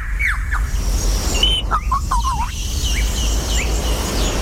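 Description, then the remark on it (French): A lyrebird mimics the shutter sounds of different camera models, a quick series of sharp chirps and swooping whistles, fairly loud over a steady low outdoor rumble, with no one talking. “Un appareil photo. Différents modèles.”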